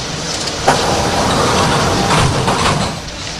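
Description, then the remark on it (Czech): Sliding doors on a train close with a brief thump and a rushing hiss, followed by steady rumbling interior noise, moderately loud, with no voices. “ukončete výstup a nástup, dveře se zavírají.”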